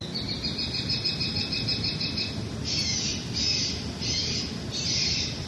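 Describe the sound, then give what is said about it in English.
A shrill, rapid trilling bird call played by a noise-machine deterrent device at a property, followed by four harsh, repeated squawking bursts, all over a steady low rumble of outdoor background noise. “A local resident shared a recording of the bird call.”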